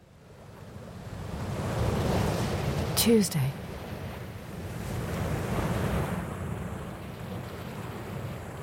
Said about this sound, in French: Les vagues se brise sur le rivage.